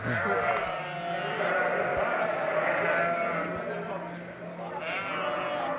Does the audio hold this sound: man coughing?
no